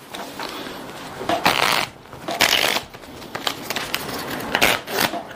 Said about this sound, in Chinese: 所以呢，你喜欢红桃呢，我们就要在里面找到红桃，这是比较困难的一件事情啊。所以呢，我们需要先去控牌、洗牌、切牌。